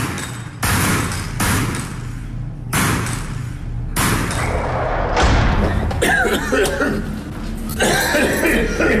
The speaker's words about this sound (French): Après toute une vie de contact avec la poussière de poudre de munitions, il tousse pas mal.